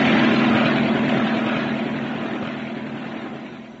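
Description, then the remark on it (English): A landing aircraft: a steady, droning propeller engine with a low humming tone running through it, loud at first and slowly easing off in volume over a few seconds, with no voices. “Good thing, too, the landing was terribly uncomfortable.”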